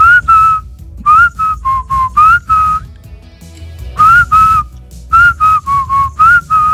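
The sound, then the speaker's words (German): A bright whistled pop melody plays in two phrases of short, bouncing notes separated by a brief pause, carried over a steady low backing track with drums and bass. “Die 80er, 90er ohne zum Beispiel dieses Pfeifen undenkbar.”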